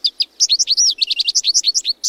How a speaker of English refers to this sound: Looking out the window and listening for calls and songs can make birding a part of your daily routine.